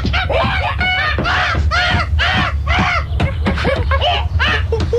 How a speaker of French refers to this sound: Je m'éloigne et dans les arbres, ils sont très rares, difficiles à approcher. Voici les wakaks.